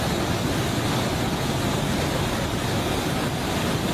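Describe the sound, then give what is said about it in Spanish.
A steady, loud roar of rushing flash floodwater in the Nevada desert after torrential rains churns without pause, a dense wall of water noise with a faint windy hiss on top and no voices. “Más de 1,000 personas quedaron varadas debido a una inundación repentina, donde parecía que se había desbordado el océano.”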